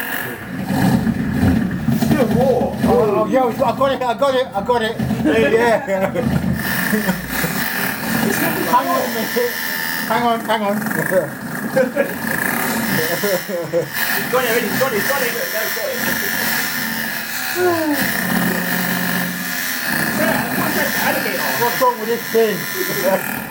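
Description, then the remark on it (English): A malfunctioning helicopter engine, not working properly, drones with a harsh, buzzing whir that runs continuously and loudly throughout, while people talk over it in short, excited bursts. “Oh, that don't sound too good. The helicopter is not working properly.”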